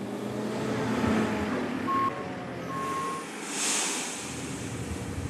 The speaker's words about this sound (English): followed shortly afterwards by the lorry I'd ordered. That is a smart lorry.